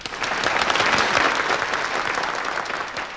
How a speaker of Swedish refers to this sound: får applåder.